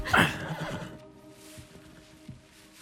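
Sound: horse neighing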